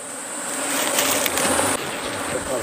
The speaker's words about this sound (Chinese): 蜂窝排列有序，密密麻麻的蜜蜂附着在橙黄的蜂巢表面，似乎在护卫他们的家园。